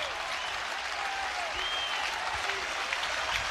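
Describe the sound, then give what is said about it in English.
A baseball crowd cheers and claps steadily as pitcher Caleb Clark faces Ole Miss hitter Owen Pano with two strikes, two outs and the bases loaded in the top of the seventh, a dense wash of applause and voices with occasional whistles, holding a loud, even level throughout. “Crowd re-engaged.”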